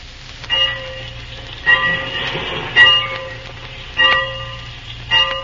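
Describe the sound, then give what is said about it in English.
A train idles at a station, a steady low rumble under a bell that clangs at an even pace about once a second, five strikes in all, with no voices. “All set, Mr. Reed. The train's awaiting.”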